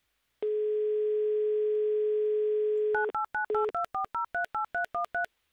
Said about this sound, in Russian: Все цифры набраны. 30 секунд почти.